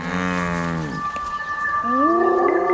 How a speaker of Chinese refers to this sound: 猎物的叫声和气味引来了斑鬣狗，但它们还没有找到猎物确切的位置。